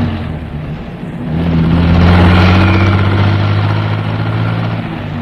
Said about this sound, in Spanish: ¡Taxi! ¡Taxi! ¡Deprisa, chofer! ¡Siga aquel taxi! ¡No lo pierda de vista! ¡Pronto!